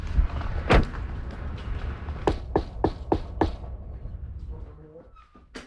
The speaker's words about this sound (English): We have arrived. All right, let's go knock on the door.